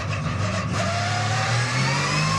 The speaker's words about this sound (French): Mais quel moteur! Quel moteur! Écoutez-moi ce son! Moteur qui prend 9500 tours. Vous avez bien entendu, 9500 tours.